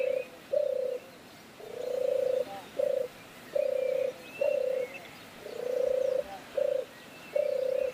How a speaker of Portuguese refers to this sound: A ver ese pasaro que temos por aí hoxe. Bueno, a ver pasaro, que... Pasaro, seguro que é un pasaro. Sí, é un pasaro. Pero vamos a ver que é. Vamos a ver. É un cuco